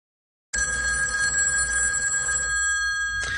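old telephone bell ringing

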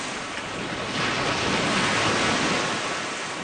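lake water waves

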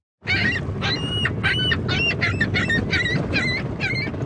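seagulls calling

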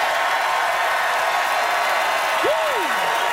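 audience applause and cheering

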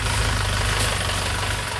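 truck engine idling

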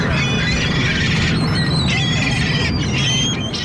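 seagull squawking

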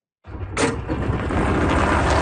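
golf cart engine hum

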